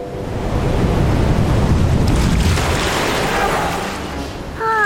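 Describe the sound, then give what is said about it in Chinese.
Loud ocean surf roars and crashes on a sandy atoll in one long churning surge that swells and slowly eases off, with a brief voice cutting in right at the end. “更正一下， 这个环礁上面没有任何东西可以抵御海浪的侵袭。”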